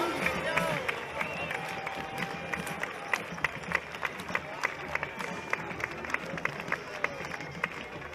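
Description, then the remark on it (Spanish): A crowd at a palenque claps along in a steady, quick unison rhythm, sharp claps repeating about three times a second over a constant roar of voices and cheering. “¡Las palmas se mueven! ¡Esas palmas!”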